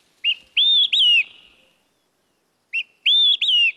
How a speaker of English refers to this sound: The olive-sided flycatcher. In a few weeks, these flycatchers will leave for their wintering grounds in South and Central America.